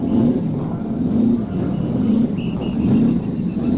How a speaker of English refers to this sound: Now we're going to listen to the cars start up. Here they are. One by one, those engines are turning over, and the race just about ready for the first pace lap.